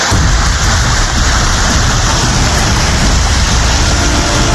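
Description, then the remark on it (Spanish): Heavy, steady rain pours down with a dense rushing wash of water running along a street that has practically turned into a river, loud and continuous throughout with no voices. “Llueve, la vía se convierte prácticamente en un río, dificultando el paso de los habitantes.”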